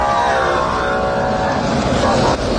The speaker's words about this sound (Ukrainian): Ось нарешті автобуси.